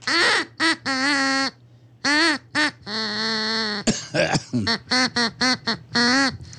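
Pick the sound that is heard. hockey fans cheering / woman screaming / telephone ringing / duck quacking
duck quacking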